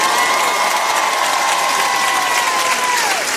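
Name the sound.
audience applause and cheering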